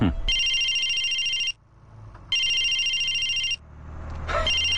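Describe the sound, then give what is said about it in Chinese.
A phone rings with an incoming call in three clear electronic bursts, each roughly a second long with short pauses between, loud, over a low background hum. “哎呀，沈主管，还是你们家迪丽娜好呀，到现在还没打电话呢。”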